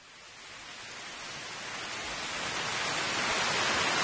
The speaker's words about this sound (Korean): 특별한 효과음을 좀 파블로 PD가 준비를 했다는데요. 바로 설악산 천불동 계곡 물소리를 좀 준비를 했답니다. 더위 좀 식히시기 바랍니다. 계곡 물소리.